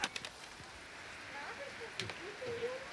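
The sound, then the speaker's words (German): Soft, steady rain patters outdoors, a diffuse hiss with a few sharper drops hitting. Faint, indistinct voices murmur in the background as a group heads inside. “So, dann gehen wir jetzt mal alle hier rein. Bei dem schönen Regen.”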